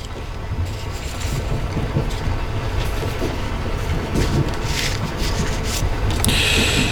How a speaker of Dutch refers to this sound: Ja, het gevoel van die treingeluiden geeft toch het gevoel dat je ergens naartoe gaat. Het is, om extra in de stemming te komen, kunnen we stellen.